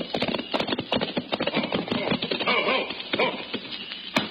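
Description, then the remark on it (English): A horse ridden by the marshal gallops toward the listener, its hooves pounding out a fast, uneven drumming of sharp, percussive thuds that stays loud and steady for several seconds. “And suddenly we heard the unmistakable sound of a horse racing toward us.”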